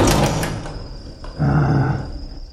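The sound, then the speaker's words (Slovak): A door is pushed shut with a rough scraping rumble, easing off and then surging again in a second heavier push before settling. No one speaks. “zatvor dvere.”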